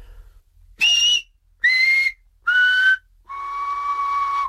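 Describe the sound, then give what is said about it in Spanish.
Four sustained whistled tones for the vowels I, E, A and O of a whistled language, each pitched lower than the last, with the final one held longest; steady, clear whistles from one whistler with short pauses between them and no talking. “Y cuando silbamos en barrancos, pues son muy parecidas. Pues te empiezo de I, E, A, O.”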